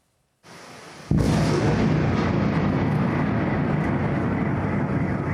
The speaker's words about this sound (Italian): Venti missili Iskander in meno di 30 minuti. Poi una raffica di esplosioni e a Kiev è di nuovo terrore. L'allarme scatta intorno all'una di notte quando l'aeronautica ucraina segnala il lancio dei missili sulla capitale